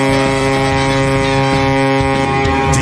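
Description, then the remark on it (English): A deep, droning boat horn blares steadily and loudly for a few seconds, its low tone holding without a break against a faint rush of wind. “are we parking a boat like through the fog?”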